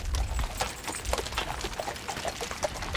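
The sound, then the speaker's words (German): Heavy draft horse hooves clop in a steady, uneven rhythm as two draft horses pull a carriage across the seabed at low tide from Nordstrand to Hallig Südfall, three carriages setting off together; each strike a sharp thud over a constant wet, splashing rumble. No one speaks. “Manchmal geht es, so wie heute, sogar mit 3 Kutschen gleichzeitig los.”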